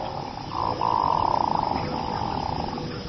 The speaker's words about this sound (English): With a voice that sounds more like a frog than a bird, a male hooded merganser is courting a female.